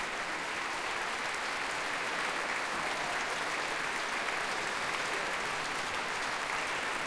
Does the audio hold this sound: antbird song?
no